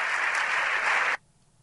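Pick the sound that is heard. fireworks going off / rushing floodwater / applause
applause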